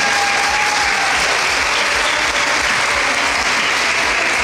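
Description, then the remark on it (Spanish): Loud, sustained applause from a crowd at an event in Progreso, welcoming a former president of the Junta Central Ejecutiva and of section 11. A dense, steady patter of many hands clapping at once holds at an even level for several seconds, with no voices rising above it. “para que pida un fuerte aplauso”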